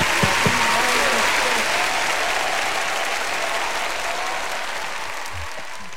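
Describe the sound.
Sustained audience applause, a dense steady wash of many hands clapping at a constant loud level, with a few brief voices audible at the start before it gradually thins slightly.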